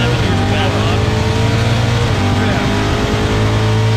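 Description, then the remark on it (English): A racing car engine drones loudly and steadily throughout, its low, harmonic roar shifting slightly in pitch as though heard from a video recording. “No, no, he's just sending you videos of other random people racing cars.”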